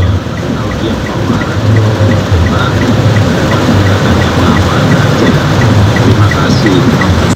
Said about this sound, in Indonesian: Terima kasih infonya untuk sekitaran UNES, hujan cukup deras dan ada aliran ya, aliran air yang arusnya cukup kencang ini kawan Rasika.